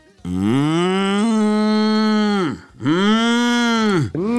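A cow moos loudly and up close in two long, drawn-out calls, the second following a brief pause, with a short start of a third at the end.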